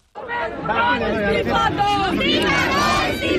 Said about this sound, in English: I've heard lots of slogans being shouted, calling for the education minister Dharmendra Pradhan to resign, which of course is the key main first demand that these protesters are making.